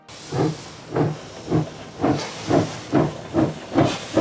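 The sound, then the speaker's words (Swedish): A steam train puffs and hisses as it pulls out of Zürich, with about eight or nine evenly spaced chuffs over a steady hiss of steam, moderately loud, with no voices. “Fast när tåget lämnar Zürich är Willy Münzenberg inte med.”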